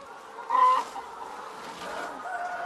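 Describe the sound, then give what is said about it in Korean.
Chickens on a poultry farm cluck in a dense, continuous chorus, with one louder call standing out briefly before the steady flock noise carries on underneath. “맨날 전화하면 닭 소리 나니까 시끄럽다 전화 끊어라 이러면서 맨날.”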